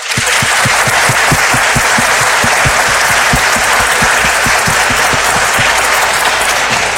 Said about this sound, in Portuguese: Temos um coral dedicado a São Francisco de Assis. Olha, gente, vamos dar um apoio para essas crianças. Uma salva de palmas.